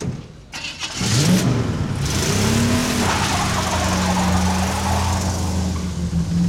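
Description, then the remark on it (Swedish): A car engine cranks and catches after a brief click, then revs up with rising pitch as the car drives off at full speed, settling into a loud, steady running hum, with no voices. “Bilen körde i full fart.”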